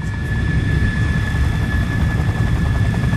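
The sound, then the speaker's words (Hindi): A steady, rumbling aircraft engine drone fills a military airbase hangar, where aircraft are kept for repair, technical maintenance and cleaning, with a constant high whine riding on top; the noise holds at an even, loud level throughout, with no voices. “एक दिन की बात है, वो एयरफोर्स कमांड ऑफिस से लौटते हुए सैनिक हवाई अड्डे के हैंगर में पहुंच गए।”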